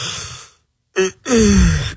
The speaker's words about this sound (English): are you yawning? I'm not fighting it.